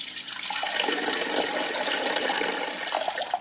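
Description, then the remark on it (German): A steady stream of liquid splashes and trickles continuously, like someone urinating in the sea at a European beach, fairly loud, with an even hiss that holds for the whole stretch without pause. “Ich vermute, viele von uns, denen im Meer schon mal die Blase gedrückt hat, die haben es auch schon mal einfach laufen lassen.”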